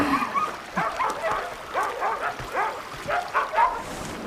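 Several dogs bark, yip and whimper in a restless, overlapping series of short cries, moderately loud, with no one speaking.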